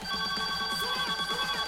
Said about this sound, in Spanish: Llamando a Aura.fm. Lo bello, qué lindo escuchar ese teléfono.